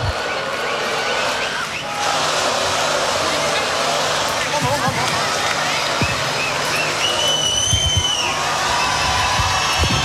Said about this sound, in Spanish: Están pidiendo más. Más fuerte el aplauso para esta gran banda nacional.